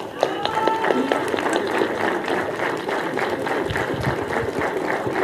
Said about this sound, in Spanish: Más fuerte, por favor, el aplauso para el doctor Alejandro Santiago Sánchez Vélez, director general de ProBosque.